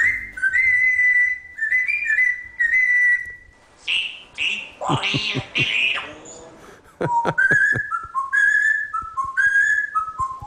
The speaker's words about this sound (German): Ja, falls Sie es nicht erkannt haben, zieht den Bayern die Lederhosen aus, pfeift er da vor sich hin. Das ist Papagei Jakob, also offenbar kein Fan vom FC Bayern München.